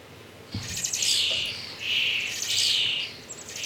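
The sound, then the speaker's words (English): Shrill, high-pitched chirping from several baby birds at a wildlife rescue center in Abbotsford, Fraser Valley, overlapping in insistent bursts that rise and fall, with a faint low thump near the start and no talking. “Elizabeth's Wildlife Center in Abbotsford is being inundated with birds and other animals, many of them babies”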